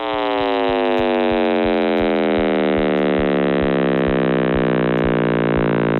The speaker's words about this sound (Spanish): Este murmullo proviene de la radiación de fondo de microondas, el eco del nacimiento del universo hace más de 13.800 millones de años. La sonificación permite que estos datos invisibles se conviertan en notas audibles